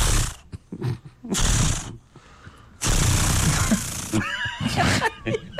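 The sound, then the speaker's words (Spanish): A voice mimics a chainsaw being started: a few short, breathy sputtering bursts, then a longer rough roar that trails into a wavering, buzzy whine. “No, pero estaba sonando bueno el intento de encendido.”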